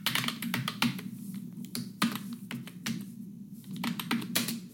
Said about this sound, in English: It's a keyboard, typing keyboard. That's a tough one if that bothers you, because isn't that the soundtrack of the modern world? Wouldn't that be hard to escape? That doesn't bother me nearly as much.